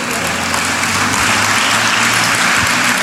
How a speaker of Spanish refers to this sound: Bueno, dale el aplauso a Cristo Jesús.